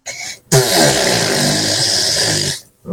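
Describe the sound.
A voice does an impression of a mother's loud, smelly flatulence ('bottom burps'), a long, loud, buzzing raspberry lasting about two seconds, rough and sputtering, after a brief breathy lead-in, then silence.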